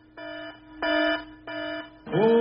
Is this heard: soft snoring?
no